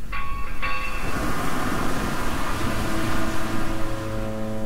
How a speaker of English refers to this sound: The sound of that foghorn is maybe summery if you're in San Francisco, but not here in Seattle.